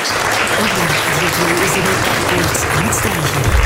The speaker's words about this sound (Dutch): Het verdient nogmaals een daverend applaus, mensen.